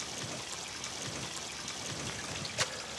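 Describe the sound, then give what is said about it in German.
Steady, gentle trickling of water from a garden water feature, in a garden room devoted to the element water, runs continuously, with a brief brighter splash near the end and no voices. “Der erste Raum hier ist dem Element Wasser gewidmet.”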